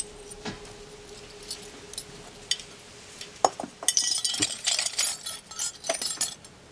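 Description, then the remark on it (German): A key is put back into a glass ashtray: keys jangle and clink against the glass, starting with a few light taps, then a louder burst of rattling metal on glass that continues in bright, scattered jingles. “So, und jetzt legen Sie den Schlüssel da wieder in den Aschenbecher.”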